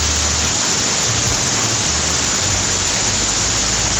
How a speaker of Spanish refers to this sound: En este momento en Sillán tiran al agua con balde, escuchen.